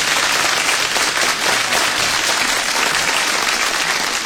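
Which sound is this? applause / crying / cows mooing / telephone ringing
applause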